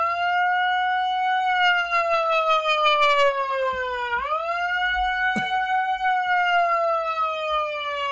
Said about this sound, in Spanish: Atentos, sirena, chicos, vamos.